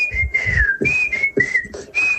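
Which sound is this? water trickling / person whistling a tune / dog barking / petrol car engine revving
person whistling a tune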